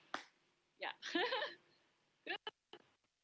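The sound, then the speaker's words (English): A handful of scattered single claps from audience members at a show, each person clapping once, sharp and irregular, with short gaps between them and a brief murmur of voices partway through. “So if you like, just clap one time, then I have that already.”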